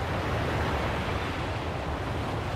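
A steady, rushing wash of ocean waves rising and falling around a waka (canoe) at sea fills the whole short stretch at an even, moderate loudness. There are no distinct swells or breaks, a wind-like hiss blends in, and no one speaks.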